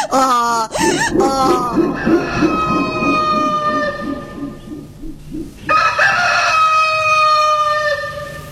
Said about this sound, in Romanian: Ai, surioară. Ce se întâmplă? A cântat cocoș?